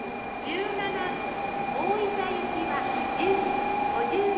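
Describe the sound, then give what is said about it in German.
A train rolls into a busy long-distance station platform, a steady rumble with a high tonal whine and brief squeals over it, while indistinct voices murmur in the background. “Auf den Fernbahnsteigen ist immer viel los. Alle paar Minuten kommt ein Zug.”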